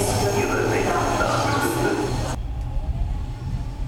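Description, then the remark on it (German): An RE8 regional express train running from Ostkreuz in Berlin to Wittenberge, Germany, rolls along with a steady, loud mechanical rumble and a faint whine above it. The higher noise cuts off partway through, leaving a lower, fluttering drone. “Wir nehmen den RE8 um 10.03 Uhr von Ostkreuz nach Wittenberge in 2 Stunden Fahrzeit.”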